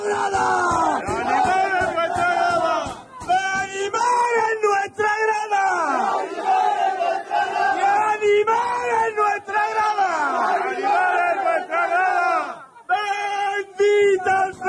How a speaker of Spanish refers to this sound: Así sonaba, ¿eh? Los gritos de …, que disfrutaba con su gente